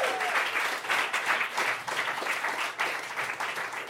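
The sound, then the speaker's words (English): A crowd in Cleveland applauds steadily, dense overlapping claps forming a bright, continuous wash of sound that holds at an even loudness for several seconds with no voices. “Now that you've stopped clapping, just one more time”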